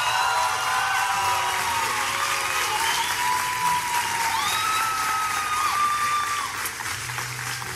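An audience welcomes a singer for the next song, applauding loudly and steadily, with cheers and whoops rising above the dense clapping. Several high whistles and shouts ring out throughout before the applause eases slightly at the end.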